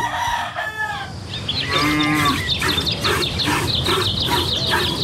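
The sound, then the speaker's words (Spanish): Cattle moo at dawn during the morning milking in a village, with one long, drawn-out low bellow standing out, over a busy, steady farmyard din with repeated higher-pitched bird calls. No one speaks. “En los pueblos, el amanecer tiene música. La ordeña, los gallos y el sonido de las brasas para echar al comal las tortillas grandes.”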